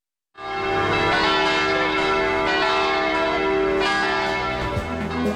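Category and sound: signal or alarm, bronze church bell ringing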